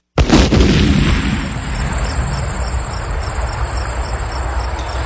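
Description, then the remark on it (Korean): A bottle of liquor, stolen from a railway supply warehouse and struck hard with a garden rake, bursts with a single loud, sharp bang at the very start, then a rumbling hiss and a steady high-pitched ringing linger for several seconds. No one speaks. “그래서 전 정원에서 쓰는 갈퀴로 술병을 세게 후려쳤고 엄청난 폭발음이 났죠.”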